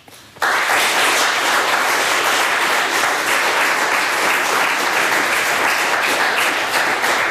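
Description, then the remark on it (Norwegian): An audience in a church breaks into sustained applause to welcome a lecture speaker, after a brief quiet start, many hands clapping in a dense, steady crackle that stays loud and even for about seven seconds, with no talking. “Det har vi gledet oss til, så jeg foreslår vi nå gir Liv en god applaus.”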